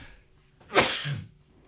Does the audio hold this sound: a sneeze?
yes